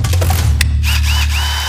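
A power drill whirs steadily for a couple of seconds, with a deep motor hum, a sharp click near the start and a few rising whines over the drone.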